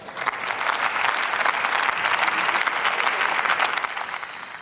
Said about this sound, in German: Jetzt Applaus aus den eigenen Reihen und auch aus den Reihen der SPD hier für den Unionsvorsitzenden Jens Spahn.